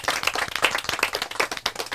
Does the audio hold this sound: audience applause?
yes